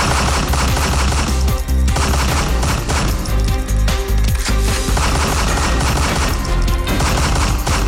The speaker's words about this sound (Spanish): cuando lo tuvo cerca, el criminal sacó un arma de fuego y propinó varios disparos hasta causarle la muerte en el lugar de los hechos.